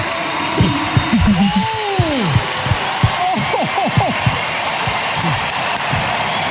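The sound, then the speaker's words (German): An audience in Hamburg at the Deutscher Radiopreis 2026 claps steadily in a dense, continuous patter, with rising and falling whoops and cheers cutting through the applause for several seconds. “Und hinter mir klatscht ganz Hamburg.”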